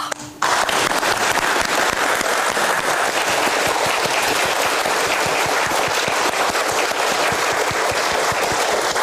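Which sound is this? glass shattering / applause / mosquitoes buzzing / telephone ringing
applause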